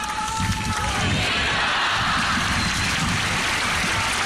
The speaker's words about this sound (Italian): L'applauso dei fedeli radunati per questa Santa Messa nella solennità del Sacro Cuore di Gesù, l'ultimo evento pubblico del viaggio apostolico di Papa Leone in Spagna.